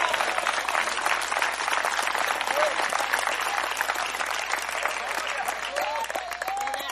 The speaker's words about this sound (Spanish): ¿Cuánto alaban al Señor en esta hora? Al Señor ese aplauso, déselo fuerte, hombre.